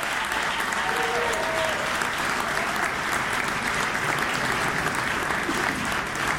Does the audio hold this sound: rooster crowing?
no